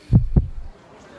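A heartbeat sound effect: two deep, thudding beats in quick succession, loud, the classic lub-dub, fading into a low rumble with no one speaking.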